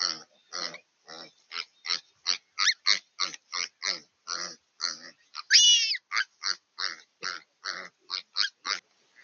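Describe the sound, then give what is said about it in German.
Piglets squeal and grunt in a rapid, steady run of short, harsh bursts, with one longer, higher-pitched shriek partway through, as ravens chase them and pull at their tails. No one speaks. “Verschiedene Raben jagen die Ferkel.”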